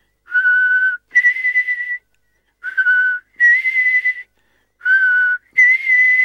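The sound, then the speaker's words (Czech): An old blackbird perched on a window ledge whistles a two-note call, a lower steady tone rising to a higher one, repeated three times with short pauses between, clear and fairly loud with no talking. “Kosák jakoby věděl, že není čas na žádné okolkování, energicky zabušil oranžovým zobákem do skla a zahvízdal.”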